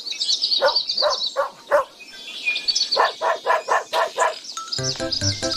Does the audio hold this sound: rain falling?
no